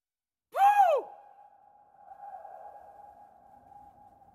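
A sharp, swooping ping rings out and then hangs as a long, steady tone that slowly fades, reverberating like an echo in a large empty space, with no voices.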